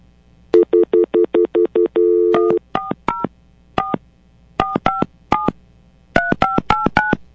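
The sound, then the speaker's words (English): A rapid string of telephone keypad tones, short electronic beeps dialed in quick bursts with brief pauses between groups, loud with no one talking, as a call is dialed during a show on the radio station Magic 102.7. “So I'm going to call her now and see if we can go ahead and do this in the last 15 minutes of the worship room here on Magic 102.7.”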